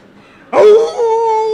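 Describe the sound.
A voice imitates a jackal howling: a single loud, abrupt wail with a rough onset that settles into a steady, sustained mid-pitched tone, heard alone with no talk.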